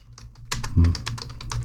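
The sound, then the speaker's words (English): Rapid, uneven keystrokes clatter on a computer keyboard, fairly loud, with one heavier thump partway through as someone types in quick bursts, typing in a quote. “As I'm typing it in, because it's one of those ones which comes from”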